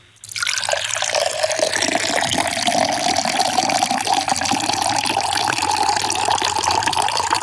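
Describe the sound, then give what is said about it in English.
Water pours steadily into a container, a continuous splashing rush that starts abruptly after a brief quiet moment and holds at a fairly loud, even level, its tone rising slightly as it fills. “It is time to commence the pour.”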